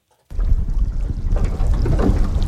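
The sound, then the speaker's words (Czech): Steady low rumble of a sightseeing boat rocking at the mouth of the Jakobsen fjord near Ilulissat, Greenland, with pieces of ice floating all around. Wind buffets the microphone over faint watery sloshing, loud and continuous after a brief silent start. “Naše vyhlídková loď se pohupuje v ústí Jakobsenova fjordu a všude kolem plavou kusy ledu.”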